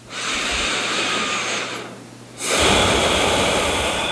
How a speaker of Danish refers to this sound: Trække vejret ud og ind, ikke? I tilfælde af, at folk havde glemt, hvad åndedræt var.